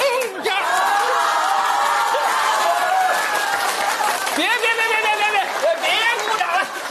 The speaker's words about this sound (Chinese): 此处再点鼓掌吧。